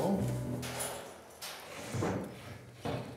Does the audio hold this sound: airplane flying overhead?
no